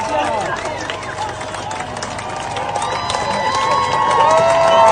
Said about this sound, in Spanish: En Utah, la gente aplaudiendo.